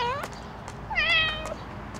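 A cat at a cat boarding house in Altheide meows twice, a short cry followed after a pause by a longer, rising and falling meow, clear over a low background hum.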